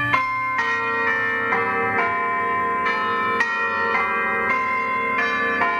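Church bells ring out in a steady peal, several bells striking one after another in an overlapping rhythmic sequence, loud and full with rich lingering overtones, no voices, in a radio item about bell ringing at St. Clements at Yas.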